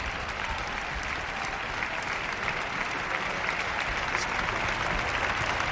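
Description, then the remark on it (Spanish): Sustained, dense applause from a large concert audience giving a standing ovation to the Orquesta de la Comunidad Valenciana, whose members stand. It is steady and loud throughout with no break, a broad wash of clapping filling the whole stretch without any voices standing out. “Ahora el concertino, toda la orquesta en pie y ovación general para la Orquesta de la Comunidad Valenciana.”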